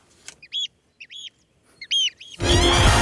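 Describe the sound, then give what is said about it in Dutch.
A bird sings a few short, clear, whistled notes in separate bursts, a double call near the end, before a loud rush of broad noise suddenly takes over. “kunnen genieten van dat vogelgeluid wat jij hier elke ochtend hoort. Nou, die kunnen we nog even mooi eronder zetten.”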